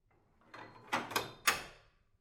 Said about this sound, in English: Which is when the workshop's door bolt slides.